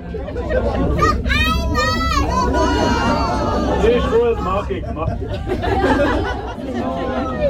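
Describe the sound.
Many passengers chatter and call out at once inside a moving Line 0 bus as the driver circles a roundabout round after round, with bright, high children's voices rising above the babble over a steady low engine rumble.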